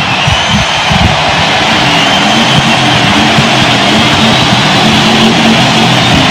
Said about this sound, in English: Harley got a little shrill pipes going. It's really got some noise.